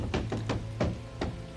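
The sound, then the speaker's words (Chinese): Five firm knocks on a door: three quick raps, then two more spaced out, fairly loud over a low steady hum, with no one speaking. “门！开门！ 杨家宝， 这个， 开门！”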